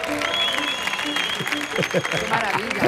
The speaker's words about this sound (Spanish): Fuerte el aplauso